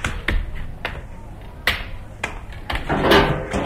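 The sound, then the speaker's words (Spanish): The door of a narrow corridor in a railway carriage is shut: a handful of sharp clicks and knocks from the latch and frame, then a short scraping rustle as it settles closed. “Cierra la puerta del estrecho pasillo.”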